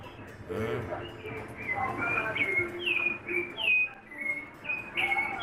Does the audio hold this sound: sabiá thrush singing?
yes